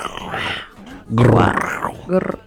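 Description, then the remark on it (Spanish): A voice imitates a lion's roar with two rough, growling bursts, a shorter rumble followed by a louder, deeper roar, and a brief guttural grunt at the end, loud. “El rugido de un león.”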